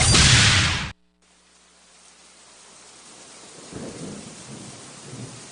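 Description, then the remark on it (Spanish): Steady rain hisses outside after a brief, loud crash at the start, with low rumbles rolling in under the downpour toward the end. No voices. “Afuera está lloviendo.”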